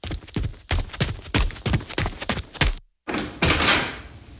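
Heavy boxes are set down near a door, thudding and knocking in a quick run of solid impacts, then a brief silence before a rougher shuffling, scraping clatter.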